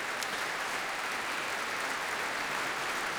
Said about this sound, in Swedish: Nu är det bläckblåset som får ta emot applåder. Och slagverkaren, timpanispelaren. Och här kommer också hela stråksektionen på benen. Och Robin Ticciati är på podiet och tar emot applåder.